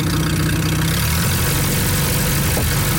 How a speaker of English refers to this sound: Third-generation festival volunteer Glenn Beamish still rides the antique tractor you just heard. He restored it when he was 12.